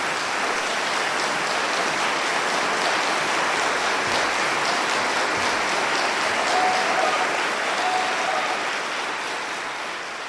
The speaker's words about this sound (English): Well, it's a live recording and I was expecting to hear applause. Oh, here it comes.